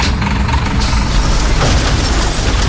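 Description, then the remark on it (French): A heavy garbage truck, come early in the morning to collect the neighbourhood's communal bins and reversing for lack of room to turn, rumbles loud, with a sharp hiss of air brakes at the start giving way to a steady low engine drone. “Puis c'est le camion qui vient les chercher.”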